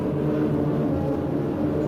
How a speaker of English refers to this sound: Once again, weather planes make a last-minute check.